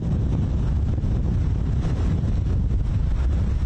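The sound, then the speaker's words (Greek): Strong wind roars continuously and loudly, buffeting the microphone with a deep, rumbling, gusty blast that never lets up, with no voices present; furious wind amid wildfire smoke on the road leading to the beach of Agios Vasileios. “με τον αέρα να φυσά μανιασμένα, κάνοντας ακόμα πιο αποπνικτική την ατμόσφαιρα.”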